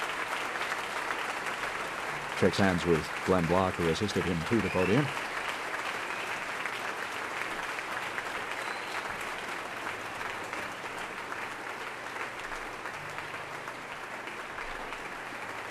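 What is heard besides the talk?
concert audience applauding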